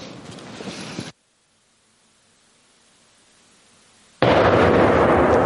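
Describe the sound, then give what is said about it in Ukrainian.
A small TNT charge goes off against a wooden log about as thick as a human arm with a loud, harsh blast, then near silence for a few seconds before an even louder roaring burst. No one speaks. “Як то кажеться, наочно переконати вас, що гратися з вибухівкою точно не варто.”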